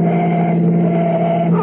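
A car engine roars loud in a steady, continuous drone, pushing hard as the car accelerates in pursuit to overtake another driver, with no voices over it.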